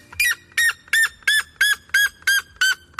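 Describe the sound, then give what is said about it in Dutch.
A bellbird screams over and over, eight harsh, piercing calls in a steady, quick rhythm, very loud, reaching about 120 decibels, with nothing else around them. “Hij zou wel eens de hardschreeuwende vogel ter wereld kunnen zijn. Hij tikt namelijk de 120 decibel aan.”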